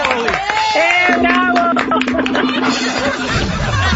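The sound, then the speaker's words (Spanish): Loud, continuous applause on the Enrique Santos show, for all the mothers who prepare lunches for their children, with a crowd cheering and whooping over it, a dense wash of clapping that fills the whole few seconds without pause. “Y un aplauso a todas las madres que preparen esos lunch para sus hijos.”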